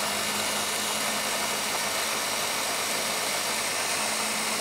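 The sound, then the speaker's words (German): A kitchen blender with its lid on runs at full power, a loud, steady motor whir with a dense high-pitched roar that holds constant for the whole stretch, with no voices. “Und dann mixen wir das einmal volle Power durch.”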